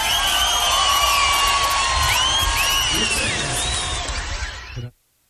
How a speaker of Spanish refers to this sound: Muchas gracias, un aplauso, por favor.